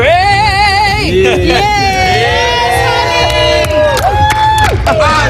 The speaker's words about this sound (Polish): Po ogłoszeniu wyników … pojawiła się w centrum prasowym, gdzie została przywitana przez dziennikarzy gromkimi oklaskami.